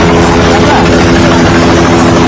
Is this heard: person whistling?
no